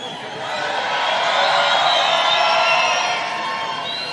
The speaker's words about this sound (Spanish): Es un gusto, un placer poder acompañarlos en este momento, en esta jornada, escuchándolos, sintiendo esos gritos que retumban por todo el territorio nacional, que queremos escucharlos. ¿Cómo suenan? ¿Cómo se grita por esta campaña,